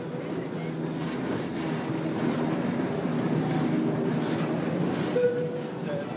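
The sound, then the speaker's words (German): An electric narrow-gauge tram (914 mm gauge) rolls steadily along its rails through the bustling market square of Soller, a continuous low rumble and rattle that swells slightly midway, with a brief tonal squeal near the end and faint murmuring voices underneath. “Und dann, nur von ein paar Neulingen beachtet, schiebt sich die elektrische geduldig durch das bunte Treiben.”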